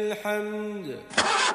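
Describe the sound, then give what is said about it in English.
A pickup truck engine struggles to start: a droning, whining crank sags lower in pitch for about a second, then a loud, rough sputtering roar bursts out briefly. “Ach nee man, my bucky just made a noise like a lion clearing its throat. This thing is dire.”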